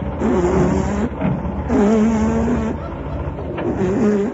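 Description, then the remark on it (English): A car engine hums loudly, its steady drone swelling in three stretches with brief dips between, like a vehicle easing in and idling. No one speaks. “At last, a car.”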